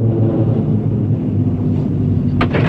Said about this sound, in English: The cable car arrives at the chalet.